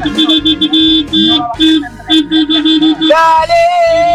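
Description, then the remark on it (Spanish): Loud, sustained vehicle horns honking over one another from cars, trucks and buses, with steady blaring tones broken by short gaps and shifting pitches as new horns join in. “Sonidos de bocinas de autos, o de camión, o de colectivos.”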